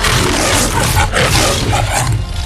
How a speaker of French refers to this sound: Et donc, voici la Metro-Goldwyn-Mayer. Déjà, vachement fort pour un lion de faire des bruits d'instruments.